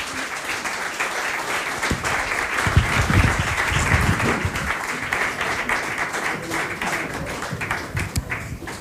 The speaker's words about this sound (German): Und ein donnernder Applaus.